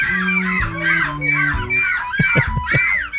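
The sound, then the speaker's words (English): A person imitates a seagull at the 6th annual European Seagull Screeching Championship in Belgium, letting out about six loud, nasal, rising-and-falling screeches in quick succession over a low steady drone. “These are humans who are impersonating seagulls in the Seagull Screeching Championship.”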